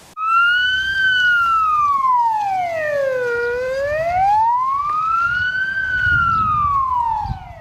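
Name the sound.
police car siren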